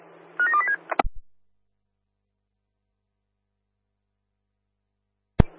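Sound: telephone dialing tones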